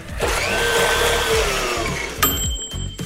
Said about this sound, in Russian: Попробуем, я надеюсь, наша смузи-машина не сломается от выдуманного вот этого фрукта-овоща.